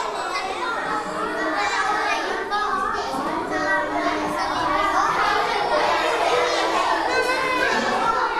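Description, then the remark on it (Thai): A roomful of children in a classroom talk over one another at once as they pair up, asking each other "How do you feel today?" in English and switching partners; a steady, dense babble of many young voices, with no single voice standing out and no pauses throughout. “เด็กๆถามแล้วสามารถเปลี่ยนคู่ได้เลยครับถามคนใหม่ให้ครบได้ครบ5คนเลย”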